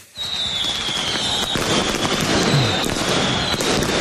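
Dense, continuous crackling of fireworks and firecrackers set off by Rotterdam Feyenoord supporters at the Cambuur–Feyenoord football match, with loud sharp bangs popping throughout and a high whistling tone running over the top amid a noisy outdoor crowd atmosphere.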